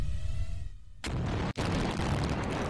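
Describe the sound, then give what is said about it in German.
After a brief quiet stretch, a bridge demolition blast on a motorway erupts with a sharp crack and a sustained, broad rumbling roar, punctuated by a second sharp detonation about half a second later; explosions also go off in the left section, but the bridge section does not fall. “Hier ist deutlich zu erkennen, auch im linken Bereich finden Explosionen statt.”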